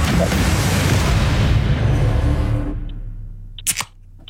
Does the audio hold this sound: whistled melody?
no